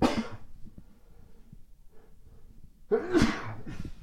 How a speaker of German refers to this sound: Ach, ich musste niesen.